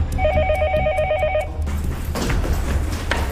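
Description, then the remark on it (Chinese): A telephone rings with a rapid, warbling electronic trill for just over a second, fairly loud, then stops abruptly, leaving a dense background hum and noise: an emergency call received by the Yusi police station of the Lu County Public Security Bureau, Sichuan, China, at 2 pm on 31 December 2025. “2025年12月31日下午2点，四川省泸县公安局玉四派出所接到一通报警电话。”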